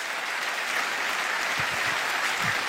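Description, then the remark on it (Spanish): A church audience applauds for the Lord in a steady, dense wash of clapping that holds at an even level for the full few seconds, with no voices rising above it. “Si ese aplauso es para el Señor, tendría que ser mejor que eso.”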